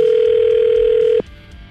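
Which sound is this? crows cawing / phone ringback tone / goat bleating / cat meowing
phone ringback tone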